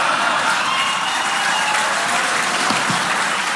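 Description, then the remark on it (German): A live audience erupts in a steady, dense wash of applause mixed with hooting and jeering in response to Steimle's remark about Friedrich Merz and Stauffenberg, loud and sustained throughout without any single voice standing out. “Das Erschreckende war das Gegröhle und Gefeixe im Publikum und das Schweigen von Ulrich Siegmund und Tino Chrupalla, die neben Steimle saßen.”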